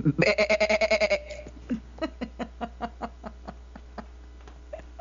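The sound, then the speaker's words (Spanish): A person imitates a goat with a loud, quivering bleat of rapid wavering pulses lasting about a second, followed by a trail of softer, evenly spaced pulses that fade out. “No se escuchó como becerro parece vaca, y si mejor haces un chivo.”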